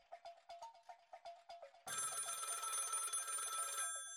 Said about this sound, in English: Phone rings.